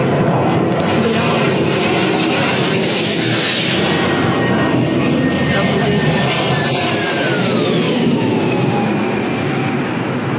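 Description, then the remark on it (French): A loud, steady airplane engine roar fills the scene as a plane chases a drone in a war, with a high whining tone sweeping downward as the aircraft passes, and a faint voice murmuring beneath the noise. “C'est cet avion qui poursuit un drone.”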